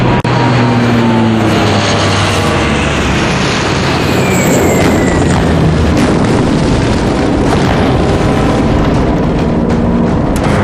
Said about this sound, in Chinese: 看见没，小日本的飞机，怎么着还想吓唬咱们？